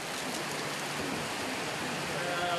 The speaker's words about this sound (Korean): 갑작스레 소나기가 내리는데요.